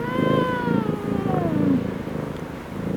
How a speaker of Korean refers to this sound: 도련님은 혼잣말을 중얼거리는 현우의 턱에 머리를 비비며 골골거렸다.